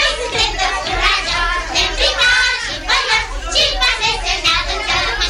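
A crowd of children from the station neighbourhood (cartierul Gări) shouting and calling out over one another in a continuous, energetic din of high-pitched voices, with no pauses for the whole stretch.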